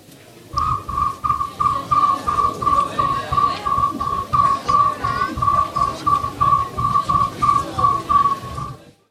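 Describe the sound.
A non-professional animal-call imitator imitates a cricket's chirping with a steady, high whistled tone broken into quick, even pulses, joined by soft rhythmic breathy thumps, continuing for about eight seconds with no talking.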